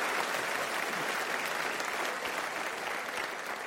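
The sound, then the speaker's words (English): Steady applause from a stand-up comedy audience, clapping on the comedian's call for mixed-race Filipino audience members: a dense crackle of many hands clapping at an even, sustained level throughout, with no voices standing out above it. “So clap it up for my Filipino chink weird mix people.”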